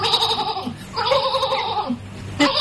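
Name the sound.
sheep bleating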